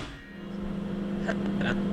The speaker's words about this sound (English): start streaming an episode of Crowd Science through a Bluetooth speaker. And as soon as the microwave starts, you can hear it scrambling the signal.